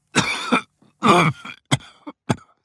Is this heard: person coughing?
yes